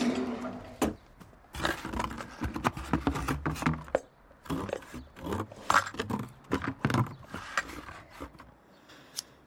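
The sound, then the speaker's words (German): Scissors snip and saw through the packing tape sealing a cardboard box to open it, an irregular run of sharp clicks, scrapes and rustles lasting several seconds, with no one talking. “Alles dicht mit Klebeband. Ich hol die Schere.”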